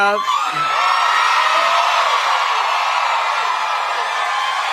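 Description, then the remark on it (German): A voice imitates the shrill, excited screaming of girl fans, a sustained high-pitched shriek that holds loud and steady for several seconds close to the microphone. “Die Mädels kreischen wie Edem.”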